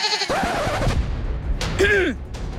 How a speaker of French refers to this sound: Devant eux, s'étend une terre sauvage, remplie de forêts et d'animaux effrayants comme... oui, les chèvres. Chut! Oh, les biquettes! Vous gâchez mon effet!